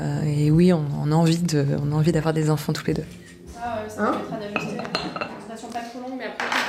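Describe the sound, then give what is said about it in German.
Dishes and cutlery clink and clatter in the small kitchen of a doctor's practice at lunchtime while several female staff talk over them and the microwave runs, with sharp irregular knocks of crockery scattered throughout. “Die Mitarbeiterinnen treffen sich in der kleinen Küche. Die Mikrowelle läuft auf Hochtouren.”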